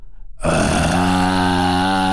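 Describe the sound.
A person imitates a baby lion's growl: after a brief low rumble, a sudden harsh, raspy roar bursts in loudly and holds steady for nearly two seconds, deep and gritty with strong buzzing overtones.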